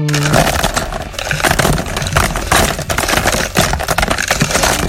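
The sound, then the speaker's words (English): A steady, loud rush of hard little objects clattering and rattling as this week's songs are emptied into a shuffle drum for the radio show's 8 o'clock shuffle feature, dense and continuous for several seconds with no voices. “First of all, let's empty this week's songs into the shuffle drum.”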